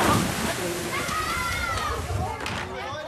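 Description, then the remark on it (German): Busy lakeside swimming-beach ambience at the Tuttenbrocksee lido in Beckum: water sloshing and splashing, with children shouting and playing in the background, a steady bustling wash throughout. “das war's hier vom Tuttenbrocksee in Beckum”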